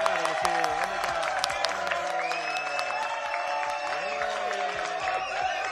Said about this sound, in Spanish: Bueno. Vaya ovación, esto parece un campo de fútbol.